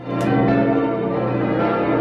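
A large bell of Mainz Cathedral (St. Martin) in Germany rings with a deep, sustained resonant tone, its layered overtones humming and swelling continuously, loud and reverberant with no talking.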